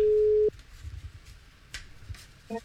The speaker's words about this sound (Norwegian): Følg med på telefonen. Kanskje det din telefon som ringer, og det kasino med kort det dreier seg om.